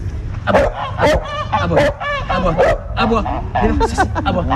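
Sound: dog barking on command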